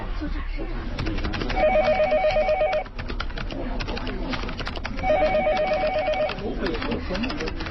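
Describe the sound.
A telephone rings on an outgoing call with two clear bursts of a repeated electronic trill, each lasting over a second, heard over a murky background of talk and room noise.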